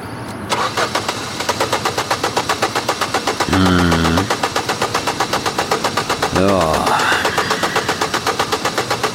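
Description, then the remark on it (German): A car starter cranks in a steady, rapid rhythmic chug that never catches, loud, with two brief tonal swells in the middle, then keeps grinding without the engine firing, as a mechanic has the driver try to start the stalled car. “Sehen Sie, der Anlasser geht, aber der Motor kommt nicht.”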